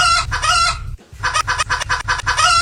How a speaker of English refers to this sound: That's supposed to say hardcore evil, but somebody recorded over. That's just a rooster.